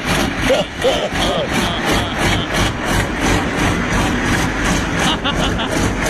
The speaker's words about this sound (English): I mean, we could play it for people because they'd be like, oh, listen, that's the sweet sound of horsepower right there.